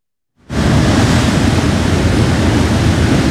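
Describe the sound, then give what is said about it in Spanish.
A steady, loud wash of Caribbean Sea waves and breeze at the seafront fills the air after a brief silent start, a constant roar of surf and wind with no voices. “Acá está un poco más fresquito, sí, tenemos que reconocer, estamos frente al mar, así que hay una brisa riquísima de este Caribe que se disfruta con todos los sentidos.”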